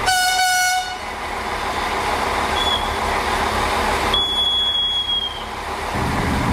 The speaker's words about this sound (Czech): Mezi Nejtkem, Novými Hamry a Perninkem totiž vlak musí překonat prudké svahy a ostré oblouky, podobně jako na proslulé rakouské horské dráze Semmeringbahn.